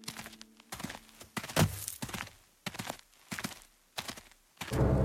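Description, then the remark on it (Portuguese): Slow, cautious footsteps of a group approaching the entrance of a cave thud along in an even rhythm, about eight heavy steps drawing near, each a dull knock on hard ground, with no voices and only quiet between them. “Sob o olhar atento da verdade, o bando aproximou-se cautelosamente da entrada da caverna.”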